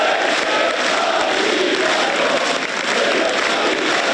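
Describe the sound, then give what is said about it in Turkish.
Steady, dense applause from ministers and members of parliament, loud and continuous throughout, with a murmur of cheering voices, as President Erdoğan enters the hall for an AK Party group meeting in Turkey. “Cumhurbaşkanı Erdoğan alkışlarla girdi salona.”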